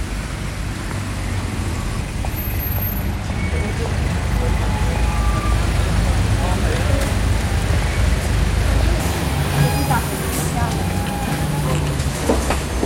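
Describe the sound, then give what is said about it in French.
The number 3 city bus, going to Place Chaudron in Switzerland, rumbles and pulls in to a stop, its low engine drone steady over street noise, shifting as it settles near the end, with faint voices around. “Je cherche le bus numéro 3.”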